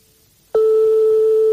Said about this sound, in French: Donc, comme on est chez des particuliers, forcément, ça sonne dans le vide longtemps et ça peut tomber sur un répondeur. Bon, là, ça peut pas être le cas, sinon ça serait déjà enclenché.